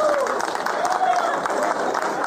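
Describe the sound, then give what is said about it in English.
An audience claps steadily as the men with their partners are asked to clap their hands, a dense, continuous patter of many hands at fairly even loudness, mixed with crowd voices and a few brief whoops. “Fellas, if you with your lady tonight and you love her and you would die for her, clap your hands.”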